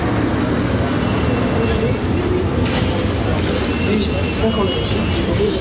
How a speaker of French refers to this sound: Ah, voilà le bus.